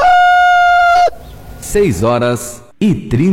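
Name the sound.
rooster crowing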